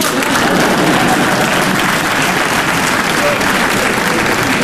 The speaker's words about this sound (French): Et c'est quand on m'applaudit que je m'aperçois que c'est un exploit.